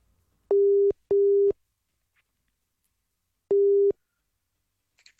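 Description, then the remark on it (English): A phone ringback tone of a third outgoing call attempt rings out unanswered: a steady low double buzz, a long pause, then another burst starting, clear and alone with no voices. “Why did they text in and say, call me, and then they don't answer the phone?”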